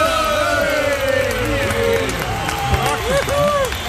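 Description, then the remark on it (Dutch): A large audience cheers loudly and continuously, a dense roar of many voices whooping and shouting, with scattered clapping mixed in throughout. “Eindelijk! Fantastisch publiek.”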